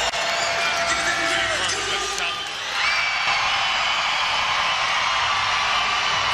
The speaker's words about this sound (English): The crowd here is trying to be hyped up as much as they can by the hype man here in Montreal